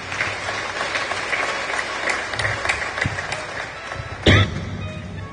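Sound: audience clapping hands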